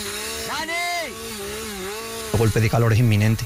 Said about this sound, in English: We beat the fire and used chainsaws.